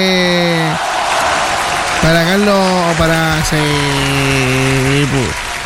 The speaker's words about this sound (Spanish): Un aplauso grande ahí